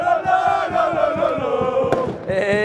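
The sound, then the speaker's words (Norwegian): A large crowd at a street party by Busgaden in Aarhus, Denmark, celebrating a Danish football championship, chants and sings together in sustained, loud, tonal voices while a jazz band plays the school song, with rhythmic thumps like clapping or stamping underneath and a sharp bang near the end. “Det kan jo selv prøve at vurdere ud fra den her lyd. Altså, festen den startede klokken 8, og nu har den varet i 4 timer hernede ved busgaden, hvor der er, lige nu står et jazzband og spiller med på skolesangen.”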